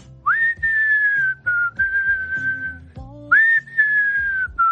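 A person whistles a slow song melody, with long sustained, gently sliding notes and brief pauses between phrases, clear.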